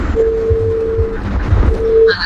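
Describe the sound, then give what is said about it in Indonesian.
A steady electronic tone on an incoming telephone line beeps twice, a long sustained beep followed by a shorter one, over low rumbling background noise with a brief higher tone at the end. “Yang masuk malah tutut.”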